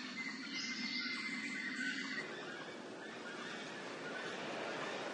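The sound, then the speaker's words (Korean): White-throated toucan calls from high branches in a Costa Rican cloud forest: loud, yelping, whinny-like cries ringing out over a steady, dense wash of forest insect noise that runs through the whole stretch. “흰목 큰 부리새는 특유의 울음소리로 자신의 영역을 표시합니다.”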